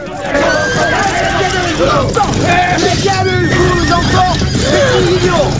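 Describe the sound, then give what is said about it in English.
Horses whinny and neigh in rising, wavering cries as three uniformed riders rear them and draw swords, over a steady, loud background of crowd-like babble and rumble, with several overlapping calls. “Three riders in uniform rear their horses and draw swords.”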